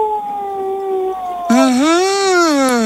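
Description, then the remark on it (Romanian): A person imitates a wolf howl with one loud, drawn-out vocal 'ooo' that rises and sags in pitch, preceded by a quieter steady tone. “Da, știi cumva cum face lupul? Au!”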